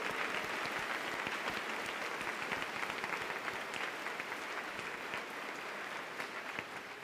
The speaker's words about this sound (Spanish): Un aplauso por esos 10 años.